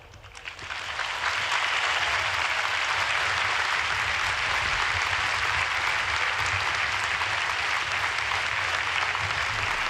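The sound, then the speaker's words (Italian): A large crowd filling the Arena stadium in Lampedusa bursts into sustained applause at the close of the Holy Father's homily. The applause swells within the first second and holds steady, a dense, continuous roar of clapping. “E questo grande applauso di la gente che gremisce lo stadio Arena di Lampedusa conclude l'omelia del Santo Padre”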